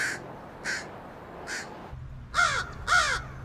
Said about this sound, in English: scientists have identified over 250 distinct crow calls. In addition, each crow has an individual voice with at least two different dialects.